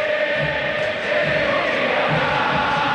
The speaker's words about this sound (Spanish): Ensordecedor el griterío.